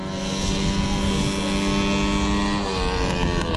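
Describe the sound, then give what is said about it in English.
Racing lawnmower engines at the All Australian Mower Racing Championships, on a racetrack in central Queensland, Australia, drone loudly and continuously as drivers rev them, their buzzing pitch holding steady with slight shifts, with no voices present. “On a racetrack in central Queensland, drivers are revving their engines. But these aren't typical race cars. They are lawnmowers.”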